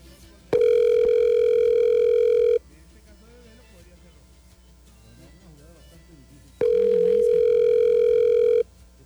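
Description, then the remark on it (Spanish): A phone line rings out with two long, steady mid-pitched ringback tones, each about two seconds, separated by a quiet pause with faint murmuring voices, and nobody picks up. “Pues ninguno va a contestar.”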